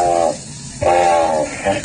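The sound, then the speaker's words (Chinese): A pelican's harsh, raspy call rings out loud, one short burst, a brief pause, then a longer breathy honk trailing into a final short rasp. “这是鹈鹕，它的叫声是这样的。”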